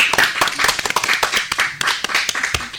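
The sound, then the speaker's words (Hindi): A crowd applauds steadily, with dense overlapping hand claps forming a continuous, fairly loud wash of sound throughout. “बहुत बढ़िया, बहुत सुंदर, जोरदार तालियां।”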